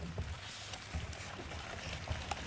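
An overflowing stream flows steadily with a soft, continuous rushing and small bubbling splashes, fairly quiet, with no voices.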